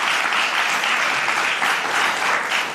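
A live studio audience in Studio Franken applauds steadily, a dense, even wash of many hands clapping at a loud, constant level for a few seconds with no voices over it.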